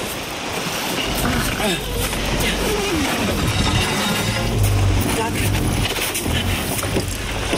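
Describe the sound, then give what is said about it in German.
A boat is dragged up the shore with a steady, rough scraping and grinding rumble over wind and surf, while a voice briefly speaks. “Kannst du mir helfen, das Boot höher zu ziehen?”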